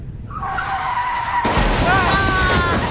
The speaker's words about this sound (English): What was that? What happened? I think a motorcycle just ran right into us.